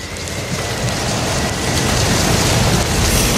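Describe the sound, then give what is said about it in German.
Heavy rain pours down steadily onto a wooden ark, a dense, loud patter of drops drumming on a hard surface, growing slightly stronger as it continues, with no voices. “40 Tage lang prasselt der Regen auf die Arche und platscht auf das neue, große Weltmeer.”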